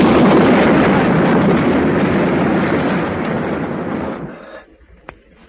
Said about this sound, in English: Fainham House crashed into the street behind us.